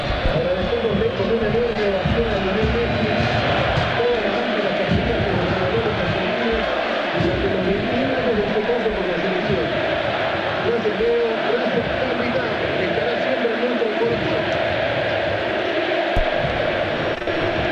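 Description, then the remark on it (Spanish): A large stadium crowd of Central football fans claps and chants "Fideo", the two-syllable nickname of Ángel Di María, over and over, a dense, continuous roar of many voices, with no clear commentary over it. “Aplausos de los hinchas de Central y el grito de Fideo, Fideo.”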